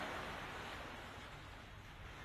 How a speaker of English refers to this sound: Let me turn the waves down.